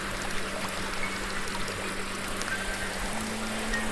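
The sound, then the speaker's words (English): Water rushes and burbles steadily like a stream running downhill, a continuous wash of sound with no pauses, over a faint low hum. “And I'm floating downwards the hill.”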